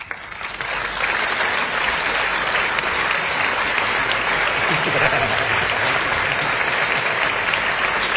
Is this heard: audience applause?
yes